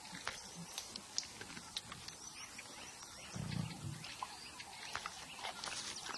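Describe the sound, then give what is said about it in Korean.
An animal overhead chomps and crunches on bones and meat, with scattered wet clicks and cracks throughout and a brief low, rumbling growl partway through, fairly quiet against a noisy outdoor background. “머리 위에서는 쩝쩝거리고 뼈를 씹고 고기 냄새가 진동을 하는데 부스러기 하나 떨어지질 않네요.”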